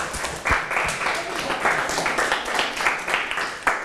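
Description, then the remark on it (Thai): A group of students in a class claps steadily for several seconds for their classmates after a quiz, a dense patter of many hands at an even, lively level with a few sharper claps standing out. “โอเคปรบมือเพื่อนหน่อยเก่งมาก”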